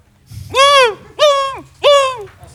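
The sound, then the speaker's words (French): Three loud, nasal seagull cries ring out close by in the morning, each drawn-out and slightly falling, spaced about half a second apart over a faint low background rumble. “Mais on entend beaucoup de mouettes à la PAM ce matin. Ah, une autre mouette.”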